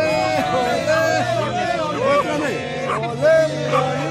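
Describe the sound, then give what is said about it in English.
Dense crowd chatter from many overlapping voices outside a hotel during the World Cup, a steady murmur of talk with occasional louder calls and exclamations rising above the babble, continuous throughout; the growing crowd includes Australians who came for the World Cup and Iranian-Americans from San Diego. “Back at the hotel, the crowd grows.”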